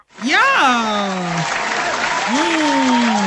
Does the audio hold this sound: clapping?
yes